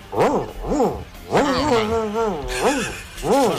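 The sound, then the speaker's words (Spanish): A person vocally imitates an angry dog as one of a series of animal imitations: a few short, arched growl-barks, then a longer wavering snarl, then more barks, loud with no other talk. “Perro cabreado.”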